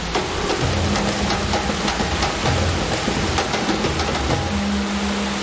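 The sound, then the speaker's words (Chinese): A simulated heavy rainstorm of 10 mm per minute in a rain-test laboratory for testing firearms hisses without a break, dense drops pattering hard on surfaces, with a low rumbling undertone running beneath the whole stretch. “我们的淋雨实验室呢，它也是模拟大自然，就是每分钟10毫米，就跟着我们的大暴雨一样，说白了就是类似下雨的大暴雨那种天气一样，就是要考核我们的枪械在那个环境下它的机构动作啊、性能的这些不得到衰减，必须保证它机构可靠、性能可靠”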